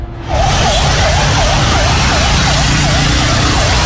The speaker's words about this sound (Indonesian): Nah, ini terlihat ada dua mobil pemadam kebakaran ya yang melintas di daerah Bandulan mengarah ke barat.